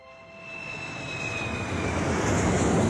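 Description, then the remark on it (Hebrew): An airplane engine drones steadily in flight, a broad rumbling roar that swells gradually louder, with a thin high whine and a few steady tones riding on top. No one speaks. “כמה שעות לאחר מכן, כבר היו תום ומאיה על המטוס.”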